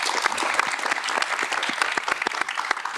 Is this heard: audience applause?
yes